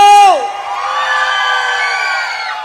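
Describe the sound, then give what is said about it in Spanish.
A large concert crowd at night in the port of Veracruz erupts in sustained cheering and applause, with a high whoop rising and falling at the start before the mass of shouting voices holds steady at full volume. “¡Qué bonitos aplausos! Hasta acá los escuchamos y hasta acá los sentimos.”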